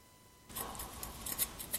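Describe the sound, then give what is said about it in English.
Scissors snip and crunch through material in a quick series of sharp cuts, starting abruptly after a brief quiet moment, with no talking. “We'll get it. The scissors.”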